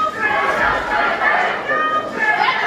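A crowd gathered at the Alabama State House as lawmakers approved a primaries plan: a steady, dense murmur of many people talking at once, overlapping voices blending into a continuous hubbub with no single speaker standing out, holding at an even, fairly loud level throughout.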